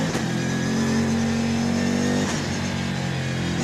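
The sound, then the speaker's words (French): The twin-turbo V8 engine of a 1250 kg, 600-horsepower, rear-wheel-drive race car roars loudly and steadily, its low harmonic tone holding a strong, sustained pitch before shifting slightly as it keeps pulling, with no voices. “1250 kg, 600 chevaux, toute la puissance au roue arrière. Le V8, sa V8 biturbo.”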